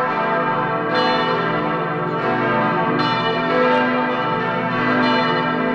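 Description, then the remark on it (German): Five large church bells in the tower of the Michaeliskirche in Adorf, Vogtland, the largest nearly 3 tonnes, peal together in a dense, overlapping wash of ringing, with fresh strikes every second or so over a sustained, resonant hum. Loud and steady, with no voices. “5 Glocken sind es, die größte fast 3 Tonnen schwer. Und an Feiertagen, wie vor 6 Wochen zu Ostern, da erklingen sie alle zusammen.”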